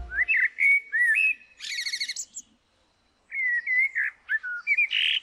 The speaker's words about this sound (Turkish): Bugün Uluslararası Şafak Korosu Günü. Dinlediğiniz bir kara tavuğun şarkısıydı.